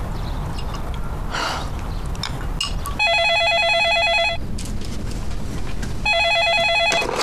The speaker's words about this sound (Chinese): 电话， 谁呀？ 大姐的。